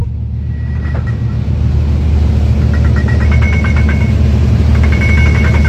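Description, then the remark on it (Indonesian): A steady, loud low rumble of ship engines, heavy equipment and vehicle traffic at a busy port in Banten, Indonesia, with short bursts of high, rapid beeping like machinery warning alarms cutting in now and then. “Dari pagi hingga malam, aktivitas tak pernah terhenti, suara deru mesin kapal, gerakan alat berat, dan arus kendaraan menjadi irama harian yang menggambarkan betapa vitalnya peran Pelindo Banten.”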